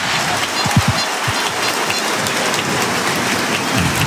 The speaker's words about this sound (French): Et écoutez l'ovation pour Sekoumara.